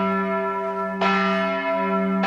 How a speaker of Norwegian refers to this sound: Og det skal de ha, disse kirkeklokkene. De er gode på å lage lyd. Herregud. Det er på en måte derfor de finnes også, for å si ifra at nå må dere komme, nå er det Guds tjeneste.